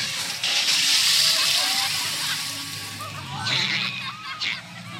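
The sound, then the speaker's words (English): A big elephant on the Jungle Cruise ride squirts water at the boat: a loud hissing rush of spraying water lasts about a second, followed by two shorter splashing bursts, with indistinct voices murmuring underneath. “That big elephant is coming up to us and it looks like he's going to squirt us!”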